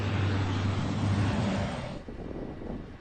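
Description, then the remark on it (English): A loud, low engine roar from a firefighting aircraft passing overhead above a highway near Béziers, France, where traffic is at a standstill and emergency teams fight wildfires, with a deep droning hum that fades after about two seconds, leaving rushing wind-like noise. “Right next to the highway, traffic at a standstill, but with their own air show, as emergency teams struggle to keep the flames under control.”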